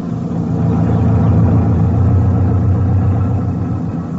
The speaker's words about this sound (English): We traveled in a Jeep type of motor lorry. By midday, we were well out into the plains, and it was hot, about as hot as East Africa can get.